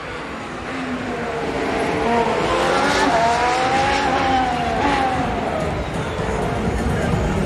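Charles Leclerc's Formula 1 car screams along his Q3 qualifying lap as the only car on the track, its high engine pitch rising and falling through gear changes, steady, heard under continuous broadcast commentary.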